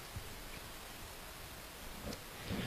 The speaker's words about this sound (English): If you're Cooper Henson, again, you could make a play in the rain.